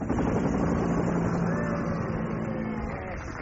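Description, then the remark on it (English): A helicopter flown by a pilot on a school run flies with a steady rotor chop and engine drone, loud and continuous throughout, with a low throbbing hum and a faint higher whine on top. “Ah, so that is the school helicopter pilot.”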